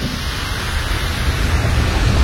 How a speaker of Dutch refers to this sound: En dat je hoort ook allemaal, ja. Nou, dat zal ook wel die stoom zijn die daaruit komt. Die gassen.